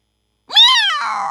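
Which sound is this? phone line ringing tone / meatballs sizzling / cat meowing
cat meowing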